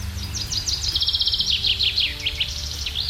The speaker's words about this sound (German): Da zwitschern sie, die Vögelchen, und das auch relativ laut. Teilweise machen sie uns sogar wach, wenn wir unser Fenster gekippt oder gar offen haben über Nacht, um nicht irgendwo in der tiefsten Wärme schlafen zu müssen.